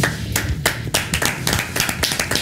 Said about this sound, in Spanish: Aplausos de Choy. Ya viene Anthony Choy, ya viene.